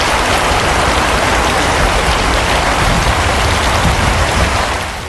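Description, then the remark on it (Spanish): A steady, heavy rain shower in Asturias, Spain, in May, amid storms and showers, hisses without a break, dense and loud, with a fine crackle of drops spattering on a surface throughout and no voices. “Bueno, el mes de mayo la verdad que ha empezado pasado por agua, tormentas y chaparrones que se van a repetir de nuevo esta tarde, según nos anuncia la EMET.”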